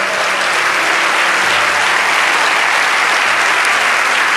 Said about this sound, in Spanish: Adore a Dios que llegó su alabanza a los cielos. Vamos, dale ese aplauso.